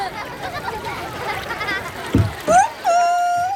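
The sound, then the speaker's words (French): Water laps and ripples steadily for a couple of seconds as small wooden boats with sails of many colours move on a large pond, then a dull knock, a quick rising squeak and a sustained bright whistling tone follow. “Sur le grand bassin, il y a des petits bateaux en bois, avec des voiles de toutes les couleurs qui voguent sur l'eau.”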